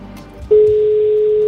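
A single steady telephone ringing tone comes in loudly halfway through, a clean unbroken beep heard down the line over faint background noise, with no talking. It is a call to a contestant who must answer with the correct word within the fifth ring.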